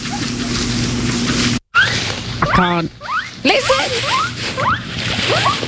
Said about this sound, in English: I've got some sounds. Do you think that's why we like guinea pigs? Is that they like pew pew pew pew pew pew pew pew pew pew.